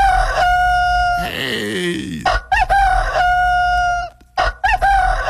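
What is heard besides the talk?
rooster crowing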